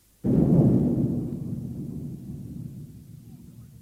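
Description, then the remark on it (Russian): A sudden, heavy explosion on a railway bridge booms out after a brief quiet, then rolls into a deep, low rumble that slowly fades over several seconds. “Товарищ Светлов, все просим, узнай, где произошел взрыв.”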